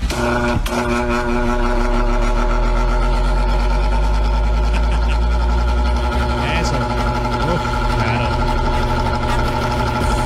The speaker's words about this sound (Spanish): Ya lo prendemos para que usted se me refresque porque hoy sí está haciendo calor. Ya le prendo el ventilador. Ahí va.